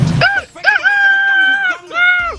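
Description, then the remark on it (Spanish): A rooster crows loudly, a full cock-a-doodle-doo with a short opening note, a long drawn-out middle and a final falling call. “Nuestro gallo por aquí, mira, mira cómo suena el gallo, mira.”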